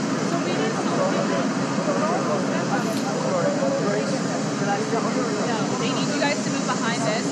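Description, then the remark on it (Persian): A steady, loud roar of the idling jet engine of Air Force One, parked at the airport in Ankara while Donald Trump is awaited to step off the plane, fills the whole stretch, with indistinct voices talking underneath the constant whine and rumble. “هواپیمای ایر فورس وان، منتظر هستیم که دونالد ترامپ از هواپیما خارج بشه.”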